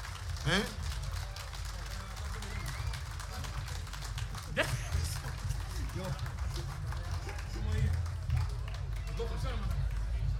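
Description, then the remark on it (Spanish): A crowd applauds steadily, many hands clapping in a dense, continuous patter, with a low rumble of room noise and murmuring voices underneath. “Y el aplauso, ¿dónde está?”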